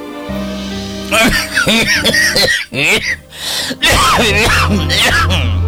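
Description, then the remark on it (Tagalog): A father's harsh, severe coughing fit: a rapid string of loud, raspy coughs and strained gasps, over a steady background hum, then voices afterward. “Grabe na ng ubo ni mo, tay.”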